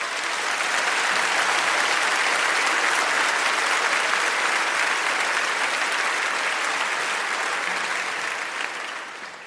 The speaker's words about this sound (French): Je vous demande, s'il vous plaît, de nous faire un tonnerre d'applaudissements pour notre quatrième membre ce soir